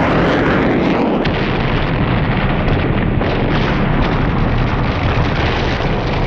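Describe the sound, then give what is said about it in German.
A loud bang and sustained explosive roar with deep rumbling fills the whole stretch as a plane flying far too low crashes and explodes, with a brief sharper crack early on and no voices. “Er sieht den Wagen von der Straße in ein angrenzendes Feld, als es einen lauten Knall und eine gewaltige Explosion gibt.”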